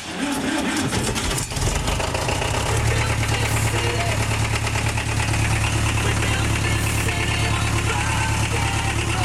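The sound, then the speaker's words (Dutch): A tractor engine, with a person on the tractor, cranks and catches after a second or so, then settles into a loud, steady chugging idle with a knocking diesel rumble that continues to the end. “Je hoort dus een artiest op een trekker.”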